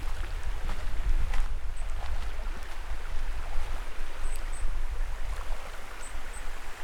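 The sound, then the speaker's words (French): The river Vienne on the Plateau de Millevaches on a hot day, heard from someone sitting in the water: a steady, rushing burble with small splashes and trickles breaking through now and then and a few faint, high chirps above. No one speaks. “Comme vous pouvez l'entendre, je ne suis pas dans les studios de Prune. Je vous parle depuis le plateau de Mille Vaches, les fesses au frais dans l'eau de la Vienne.”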